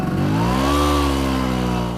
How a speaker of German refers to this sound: Es ist ein vertrautes Geräusch für die Menschen in Italien. Eine knatternde Vespa, gespeist mit einer Mischung aus Öl und Benzin, die durch die Gassen braust. Doch zuletzt ist das Knattern seltener zu hören.